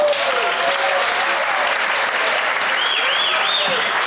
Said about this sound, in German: Und wenn es Ihnen richtig gut geschmeckt hat, gibt's noch einen richtigen, kräftigen Applaus hinterher.